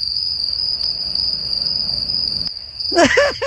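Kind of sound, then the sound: insect, crickets chirping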